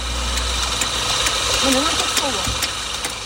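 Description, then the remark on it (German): Steady road noise with the low rumble of car engines, one vehicle swelling slightly louder midway as traffic rolls past a small white van in Salé, on the road to Morocco's capital Rabat, beside a beach; faint voices may sit in the background. “Autos rauschen an ihrem kleinen weißen Kastenwagen in Salé vorbei, auf dem Weg in Marokkos Hauptstadt Rabat”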